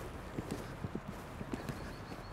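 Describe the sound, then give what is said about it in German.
An Alt-Oldenburger warmblood horse, a breed bred mainly for pulling carriages, trots in a steady two-beat clip-clop, about a dozen hoofbeats, moderately loud over a low background rumble. “Er ist ja ein Altoldenburger, eigentlich so mehr für die Kutsche gezogen.”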